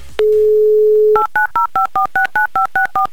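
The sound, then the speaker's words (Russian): A steady dial tone hums for about a second, then a quick run of about eleven evenly spaced touch-tone beeps as a phone number is redialed, loud with no talking. “Повторно набрали номер телефона.”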